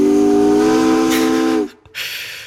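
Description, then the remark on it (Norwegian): A steamship whistle sounds one long, steady, loud blast with rich harmonic tones and a hissing edge, then cuts off abruptly, leaving a short gap before a broad hiss of steam resumes. “Jeg antar at du ikke er ute og kjører et dampskip denne onsdagskvelden”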